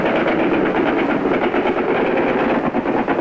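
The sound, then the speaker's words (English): A dense, continuous roar of rapid, rhythmic mechanical bursts, like guns hammering away nonstop to the outboard side at German bombers overhead, loud for the whole stretch with no voices. “They're hammering away to the outboard side.”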